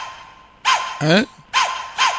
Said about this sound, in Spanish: Ahí están los perros. Viendo cómo faenan las 4 terneras.